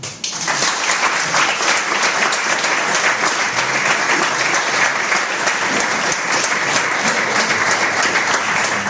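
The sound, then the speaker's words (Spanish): A large audience in Sitges claps steadily and loudly for the people who volunteered to help plan the town's future, a dense continuous wash of applause lasting several seconds with no voices standing out. “O sea que a mí me gustaría que, por favor, diéramos un fuerte aplauso a todas estas personas que han participado de una forma desinteresada en pensar en el futuro de Sitges.”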